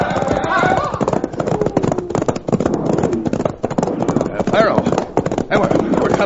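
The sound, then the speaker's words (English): Horses gallop in a rapid, steady clip-clop of hooves that stays loud throughout, with a busy clatter of overlapping hoofbeats and voices mixed in, as riders turn their horses to get away. “Turn those horses, boys, and let's get out of here!”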